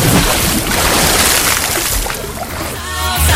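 Water splashes and sloshes steadily as someone jumps in, a loud, hissing churn that carries through the whole moment, with a bubbling gurgle rising toward the end.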